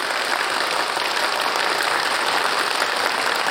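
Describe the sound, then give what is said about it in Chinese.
An audience claps steadily and loudly for several seconds to welcome Deputy Director Dai, a dense, even wash of applause with no voices or breaks in it. “掌声欢迎戴副主任。”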